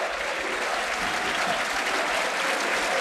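Partizan fans in a football stadium applaud steadily in support in the 73rd minute, in light rain, with Partizan leading 3-0, a dense, continuous wash of clapping that stays at an even, fairly loud level throughout, with no clear pauses.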